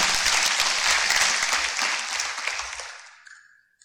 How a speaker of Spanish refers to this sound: Entonces, dale un aplauso al Señor.